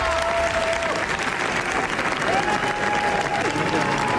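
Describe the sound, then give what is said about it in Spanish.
Sustained applause from a large crowd at the Cannes Film Festival premiere of Los Javis' film La bola negra, a dense, steady wash of clapping at fairly high volume, with faint cheering and a brief whistle-like tone riding above it. “Veinte minutos de aplauso se ha llevado la película de los Javis, gran comienzo para los directores que se estrenan en la Croisette y compiten por la Palma de Oro”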